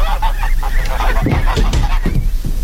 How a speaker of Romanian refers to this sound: Mi-a dat cineva gâștele astea să vi le aduc.